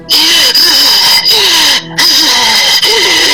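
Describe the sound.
A woman imitates the harsh, raspy breathing she describes feeling above her while she slept: loud, continuous hissing breaths with a wavering, squeal-like whine running through them, broken by a few brief pauses.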